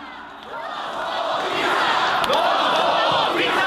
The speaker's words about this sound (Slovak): Březen 2018. V Bratislavě se po vraždě novináře Jána Kuciaka a jeho partnerky Martiny Kušnírové demonstruje za slušné Slovensko.